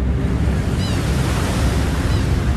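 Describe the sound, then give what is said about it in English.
A loud, continuous roar of the rushing Niagara River fills the scene, a dense steady wash with no pauses and no voices. “in the background, I'm hearing the roar of this river”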